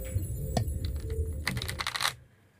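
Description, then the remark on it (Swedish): A deck of Uno cards being shuffled: scattered light flicks and taps, then a dense burst of crisp riffling that builds for about half a second before stopping, over a faint low hum. “Ja, jag tar och sackar dem lite.”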